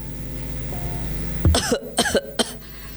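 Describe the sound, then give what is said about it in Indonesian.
Harsh coughs come from inside a nearly collapsing house, breaking out after a quiet, humming background in a short irregular burst of three or four fits, moderately loud, with no talking. “Lalu mereka mendengar suara batuk dari dalam rumah Rafa.”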